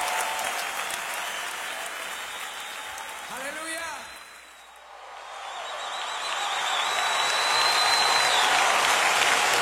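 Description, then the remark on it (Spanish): A church audience applauds the Lord steadily, the clapping fading briefly midway before swelling back louder and fuller. A single voice calls out over the crowd. “Fuerte ese aplauso.”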